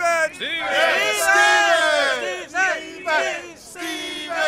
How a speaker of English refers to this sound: Stephen. Did you hear that? They're shouting your name, Stephen, over and over.